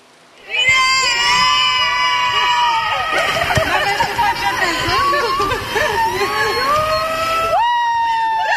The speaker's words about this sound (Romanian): Alina Șerban a fost așteptată pe aeroportul Henri Coandă cu flori și urlete de bucurie de câțiva dintre actorii care fac parte din distribuția filmului Eu Contez.